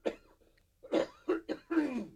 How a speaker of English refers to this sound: Now, excuse me, I got a cough.